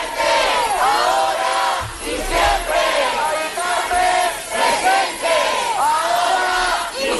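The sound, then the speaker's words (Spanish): A large crowd of protesters on an improvised march toward the Congreso de los Diputados chants "Mari Carmen presente, ahora y siempre" in unison, loud and rhythmic, the phrase rising and falling in repeated bursts with brief dips between them. “Mari Carmen presente, ahora y siempre, con ese grito, con esa reivindicación, entre otras, marchaban hacia el Congreso.”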